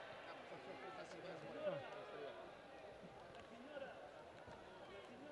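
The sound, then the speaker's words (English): A large crowd, including many children and families, greets the Pope on his Popemobile, cheering "Viva il Papa" and chanting his name with many overlapping voices, a steady, dense roar that swells briefly a couple of times and never drops to quiet. “The Pope is still greeting people on his Popemobile, and we can hear a lot of people cheering, Viva il Papa, Long live the Pope, and chanting his name multiple times.”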